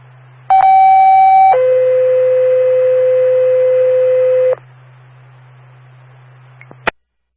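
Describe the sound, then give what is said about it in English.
A Hope Valley Fire dispatch paging tone plays over radio, calling for available members for a brush fire at 60 Mechanic Street: a steady higher tone for about a second, then a longer lower tone for three seconds, over low hum, ending with a sharp click. “why don't you give us one more tone, see if we got anybody available.”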